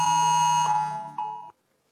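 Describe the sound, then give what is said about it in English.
A loud, harsh emergency warning alert tone on a mobile phone, sent through a national warning system app trialled in South Australia, blares steadily with dense buzzing harmonics, wavering slightly before cutting off abruptly at about one and a half seconds, followed by silence. “A federal government app will be able to play a loud alert siren on your phone anytime, override silent and do not disturb modes.”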